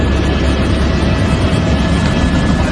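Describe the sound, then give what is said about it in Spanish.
A firefighting helicopter's engine and rotor roar steadily and loudly, a dense low rumble with a faint beating texture that holds constant throughout, with no voices. “Hemos hablado de hidroaviones y ahora toca hablar de helicópteros.”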